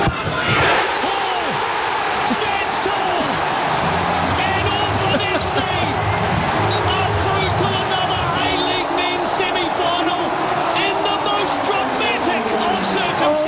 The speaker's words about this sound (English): Gosh, listen to that crowd.